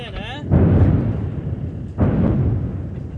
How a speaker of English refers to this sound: And that was a really big boom. Another airstrike in the location near Eliel Tower Hill, where Israel says it detonated a series of tunnels in a Hezbollah command center recently.